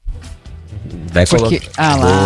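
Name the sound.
tonic water poured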